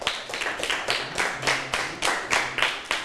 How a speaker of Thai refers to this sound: เอาละครับขอเสียงปรบมือให้กับเพื่อนหน่อยครับ